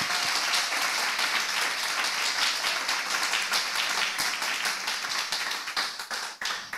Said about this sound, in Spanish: Dale ese aplauso al Rey que vive.